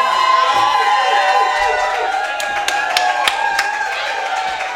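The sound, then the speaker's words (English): A large concert audience cheers loudly and continuously for a performer who has played music for about 2.5 hours straight, a dense roar of voices with sharp, scattered claps and shouts cutting through, sustained throughout. “You might have to let him go to the bathroom real quick or something, but then keep screaming though.”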